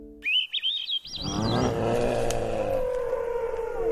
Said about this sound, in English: A boat idles in a cove on a summer afternoon, pulling up a set of shrimp pots.